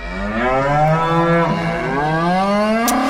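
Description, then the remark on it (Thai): A cow moos in one long, loud, drawn-out call with a rich harmonic tone that dips and rises in pitch, with no talking. “ชอบเสียงนี้มากเลยได้ยินเสียงวัวแล้วหิวข้าวเลย”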